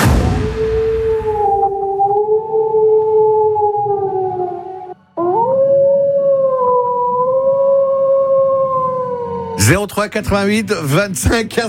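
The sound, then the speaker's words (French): A wolf howls loudly: two long, steady, mournful howls with a brief break between them, then a short burst of voices or noise at the end, played as a clue in a quiz. “Eh, hey, vous avez vu le loup?”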